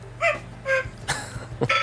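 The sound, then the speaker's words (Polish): A tinny electronic cuckoo-clock alarm tone plays from a phone: a few short, harmonic two-note calls repeating at a quick, steady pace, mixed with soft clicks over a low hum. “No ta kukułka jest wątpliwej jakości, tak to się zgadza.”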